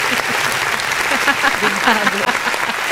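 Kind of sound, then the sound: crowd, applause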